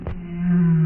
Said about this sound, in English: Just on a daily basis, I'll hear humpback whales.